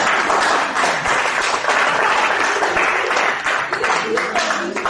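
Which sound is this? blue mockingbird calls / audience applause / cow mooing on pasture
audience applause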